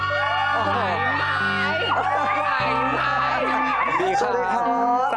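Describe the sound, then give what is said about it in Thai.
A loud, dense audience screams and cheers continuously to welcome performer Panpan Nakprasert, with many overlapping high-pitched shrieks and whoops rising and falling over a steady low hum throughout. “เ สียงกรี๊ดแบบนี้ไม่ใช่เป็นเพียงแค่ครั้งนี้ น ะที ่ ผมได้ยินทุกครั้งที่ผมเจอพี่ปันปันเนี่ยไม่ว่าจะไปโชว์ตัวที่ไหนก็ตามจะได้ยินเสียงกรี๊ดแบบนี้ตลอดเลย”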